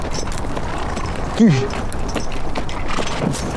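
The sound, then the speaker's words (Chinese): Hoofbeats of an enemy cavalry squad's horses, come out of the city and searching forward toward a defended position, clatter in an uneven, continuous clip-clop, with a brief spoken voice cutting in partway through. “城里敌人出来一个骑兵班，搜索前进，离咱们阵地已经很近了。”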